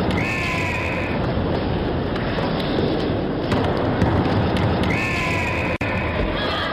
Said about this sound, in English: The Fox 40 whistle.